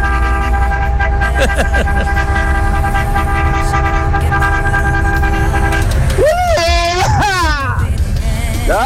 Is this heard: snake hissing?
no